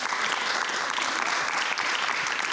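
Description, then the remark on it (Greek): A crowd claps steadily, a dense wash of many hands making a continuous crackling patter at an even, fairly loud level with no voices over it. “Ναι, εδώ θέλει χειροκρότημα.”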